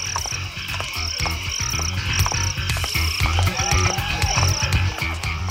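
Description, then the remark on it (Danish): Dense rainforest ambience filled with repeated croaking frogs in a steady pulsing rhythm, overlaid by a high, regular chirping call that recurs in short bursts; no one speaks. “Og nu tænker du sikkert, har jeg fået forvildet min radio ind i en regnskov?”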